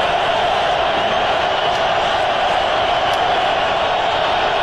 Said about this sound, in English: Crowd making as much noise as they possibly can.